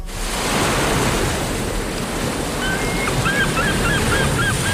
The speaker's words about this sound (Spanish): Uy, qué bien. Llegan las olas, van y vienen.